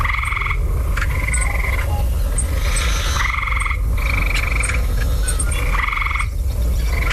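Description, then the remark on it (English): A gray tree frog in a backyard in Lake Manitoba gives a series of loud, musical trills, about five short bursts in quick succession, over a steady low outdoor rumble with no one talking. “record some audio, like Maurice in Lake Manitoba did when he spotted a gray tree frog”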